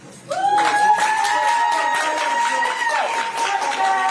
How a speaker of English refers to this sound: The courtroom erupted in applause at the sentencing of Gilgo Beach killer Rex Huerman.